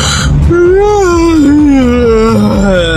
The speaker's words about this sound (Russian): Ну, спасибо, открыл сейчас хит-парад зевоты просто у всех.